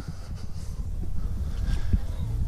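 A boat anchoring on water: a steady low rumble of water and wind buffeting the microphone, with scattered soft knocks and splashes over a couple of seconds.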